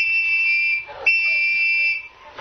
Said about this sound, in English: Yeah, we don't have to agree, but take that whistle from him, Sam, and open the back window a bit, and you blow two blasts on it. Maybe the team will come. All right. Go ahead, blow the whistle.